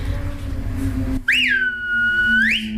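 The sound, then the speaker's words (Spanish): A loud, piercing whistle made with the middle and ring fingers in the mouth rises sharply, holds a steady high tone for about a second, then swoops upward again at the end, standing alone after a short stretch of background noise. “Yo silbo con estos dos, corazón y anular son estos.”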